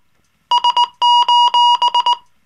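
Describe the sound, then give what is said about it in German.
An SOS signal in Morse code: three short beeps, three long tones, then three short beeps again, a loud steady high-pitched electronic tone with no voices. “Dreimal kurz, dreimal lang, dreimal kurz.”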